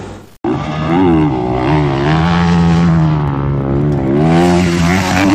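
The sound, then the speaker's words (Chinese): A loud rally motorcycle engine at the China Huanta (Tarim) International Rally in Xinjiang, China, drones continuously after a brief cut at the start, its pitch rising and dipping as the throttle is worked. No one speaks. “骑上摩托车，耳边就剩心跳和发动机的声音。”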